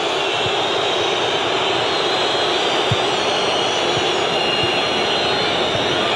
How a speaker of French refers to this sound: Monsieur Falcon Pérez, pour l'instant, ne réagit pas. Le public le fait pour lui. Ça siffle, mais pas sur le terrain, dans les gradins.